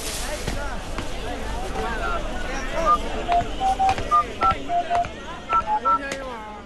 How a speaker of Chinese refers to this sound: 好，妈妈等下就帮你打电话啊。